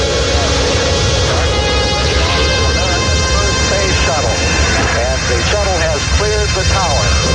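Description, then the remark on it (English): The rocket roar of the launch of space shuttle Columbia, the first reusable spacecraft, returning Americans to space after six years: a loud, steady, rumbling wall of noise lasting throughout, with excited voices rising and falling beneath it in the second half. “After 6 years on the ground, Americans were back exploring space in Columbia, the world's first reusable spacecraft.”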